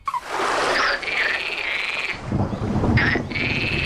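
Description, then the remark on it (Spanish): A loud, continuous chorus of common frogs croaking, with a deep roll of thunder and a steady hiss of storm noise rumbling in the background. “Entonces, recuerdo, el orden es rana común con una tormenta en el fondo”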